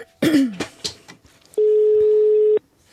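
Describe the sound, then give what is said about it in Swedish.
A brief cough and some faint rustling, then a single steady telephone tone rings out for about a second, clear, before cutting off into quiet, as a call is placed to two well-known Republican advisers. “Jag ringer upp två välkända republikanska rådgivare som båda är för krig mot Iran”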